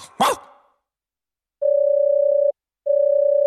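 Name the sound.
telephone ringing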